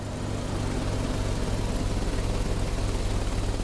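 A boat engine drones steadily and fairly loudly as the boat approaches, a continuous low motor hum with a rough, churning texture that holds constant throughout, with no voices.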